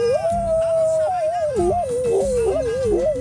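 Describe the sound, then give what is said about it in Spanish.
A person howls like a dog, one long sustained wavering cry that rises and falls in pitch, loud, over faint background noise. “Ahí va mi aullido, papi.”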